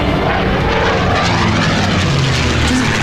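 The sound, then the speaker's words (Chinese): A propeller airplane that came from Chongqing roars loudly and steadily, a dense, continuous engine drone filling the whole stretch as the aircraft powers up for takeoff, with no voices over it. “我是军统徐远东，奉委座和戴局长之命，前来扣押重庆来的飞机。”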